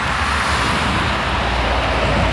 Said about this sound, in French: Voilà, sa maison, elle est littéralement au bord de l'autoroute. Depuis son jardin, on voit les voitures et camions passer à 120 km/h et elle n'en peut plus. C'est un bruit sourd qui nous fait sursauter.